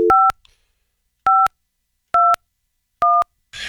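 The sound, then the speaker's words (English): Touch-tone beeps as a phone number is dialed on a radio show on 93.7 KCLB: four or five short dual-pitched tones spaced about a second apart, clear, ending in a burst of noise. “It should be TK, the last guy using the phone in the world.”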